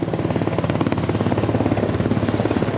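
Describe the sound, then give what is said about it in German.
A helicopter thunders by during a military demonstration at the Saint-Cyr Triumph, its rotor blades producing a steady, rapid thumping pulse over a loud, continuous engine drone, with no voices. “Kinder, Eltern und Großeltern, Freundinnen und Freunde flanieren einen Tag lang mit den jungen Offizieren über sommerliche Wiesen, schauen Vorführungen mit Panzern und Hubschraubern an.”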